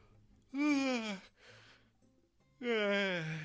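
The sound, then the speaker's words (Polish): Two drawn-out, voiced yawns, fairly loud, each sliding downward in pitch, with a breathy inhale in the short pause between them. “Widzicie, już nawet ziewam, nie?”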